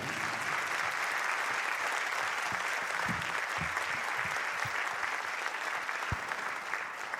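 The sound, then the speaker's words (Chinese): Sustained applause from an audience, a dense, steady wash of many hands clapping at even loudness throughout, with a few sharper individual claps standing out. “谢谢，感谢大家慢慢的掌声弄收到哈”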